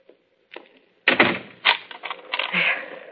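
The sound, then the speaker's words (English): A door is locked: a short click, then a burst of rattling metallic clatter as the latch and bolt are worked, ending in a few sharper snaps. “Would you mind standing here until you hear me lock my door?”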